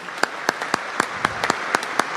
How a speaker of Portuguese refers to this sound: Vamos aplaudir aniversariando hoje.